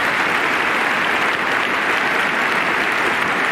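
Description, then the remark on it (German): An applause sound effect, meant as applause for the railway (die Bahn): many hands clapping in a dense, steady wash of crackling sound that stays loud and even throughout, with no voices on top. “Aber ganz ehrlich, das könnte jetzt mal ein Applaus für die Bahn wert sein, weil das ist sportlich.”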